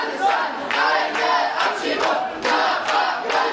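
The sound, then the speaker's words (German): A crowd of several hundred people protesting a deportation flight to Afghanistan chants and shouts together outside the fence of Leipzig airport, Germany, shortly before sunrise in late July, a dense, steady roar of many voices with rhythmic surges and swells, loud throughout. “Vor dem Zaun des Flughafens stehen mehrere hundert Menschen.”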